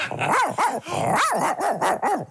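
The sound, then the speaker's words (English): A man's voice imitates a dog barking, giving a quick series of about six loud yelping barks in rapid rhythm, with no other talk. “I would love to hear you bark like a dog.”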